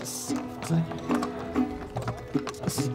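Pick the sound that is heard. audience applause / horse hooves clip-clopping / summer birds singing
horse hooves clip-clopping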